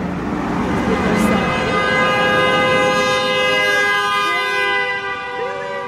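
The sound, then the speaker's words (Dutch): A long, loud, sustained horn blast holds steady for several seconds, its strong harmonic tone dominating a busy background with faint voices underneath. “Wow, that was a big middle finger.”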